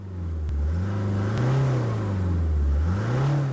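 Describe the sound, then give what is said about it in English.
A black SUV's engine revs steadily and loud as the driver steps on the accelerator in pouring rain, its pitch rising and falling in smooth waves, with a couple of faint clicks and no voices. “stepped on the accelerator, feeling severe thirst.”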